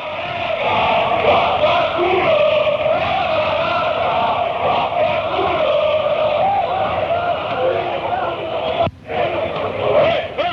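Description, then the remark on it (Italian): A large crowd of Milan football fans in a stadium chants together for the match in a steady, droning roar that carries on without pause, with a brief dip near the end before the singing swells again. “Quindi qua diciamo che diventa più noioso tutto il canto, sì, sì. Perché sono i canti sempre per la partita.”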